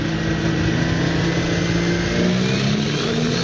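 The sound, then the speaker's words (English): A tractor engine roars loudly, revving hard in a steady, unbroken drone whose pitch creeps slightly upward, with no voices over it, during a tractor pull at a high school's Tractor Day in Bingham. “It was Tractor Day at F.E. Medill High School in Bingham, which is just beside us, yesterday.”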